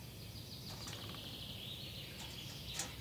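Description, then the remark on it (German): Thin, high-pitched calls of a small blue tit that has moved into an empty eagle's nest, a few short chirps scattered over a soft, steady outdoor hiss, faint. “Eine kleine Blaumeise hat es bezogen.”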